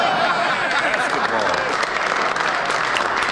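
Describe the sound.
Steady applause from a large crowd, dense overlapping clapping that stays loud and even for a few seconds, with a faint murmur of voices mixed in.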